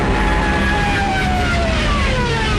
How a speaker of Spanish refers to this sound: También millones de civiles, peleando por un hueco en trenes y camiones, o a pie, largas filas en las carreteras, espantadas por el estruendo de los aviones Stukas, de sus ametralladoras y sus sirenas, apodadas las trompetas de Jericó.